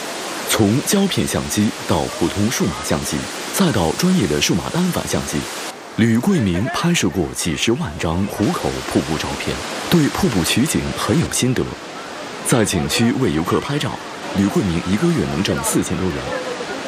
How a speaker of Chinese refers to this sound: 拍摄当天，瀑布流量每秒400多立方米，依然水声轰鸣，如万马奔腾。